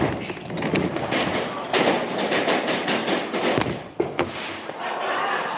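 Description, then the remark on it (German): A small explosion goes off in a Rube Goldberg-style chain-reaction machine after a tipping ladder sets a wooden roller rolling. It comes amid steady crackling and hissing of spraying sparks, with a couple of sharp pops standing out near the end, loud. “Schließlich sprühen Funken und es kommt zu einer kleinen Explosion.”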